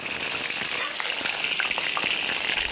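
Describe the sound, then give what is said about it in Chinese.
Steady sizzling of freshly sun-dried fish pan-frying in hot oil until both sides are golden and crisp, a dense crackle with scattered sharp pops and spits throughout, with no voices. “刚晒好的鱼干煎到两面焦香”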